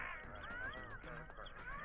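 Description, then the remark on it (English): A bird squawks almost without pause over a phone line into a live WFMU radio show, harsh, nasal honking calls rising and falling over each other, fairly loud for about two seconds. “Hello, you're a bird. You're on the air.”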